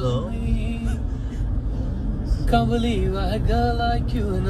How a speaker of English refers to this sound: singing with the Uber driver last night.